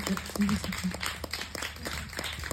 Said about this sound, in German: Ich übergebe. Einen großen Applaus.